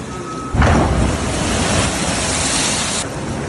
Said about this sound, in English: Have a look at that. Those are some big old waves there hitting the coast, and it's been really, really destructive in places like Long Beach, California. Yeah, this is the west coast of the U.S., and they've been getting battered by some huge waves